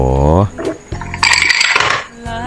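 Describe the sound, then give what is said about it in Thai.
Glasses clink together in a quick cluster of bright, ringing taps in the middle, framed by a voice at the start and a faint tone at the end. “ชอบจังเลยกระแทกแก้วแบบว่าปิ้งปังปิ้งปังนะฮะ”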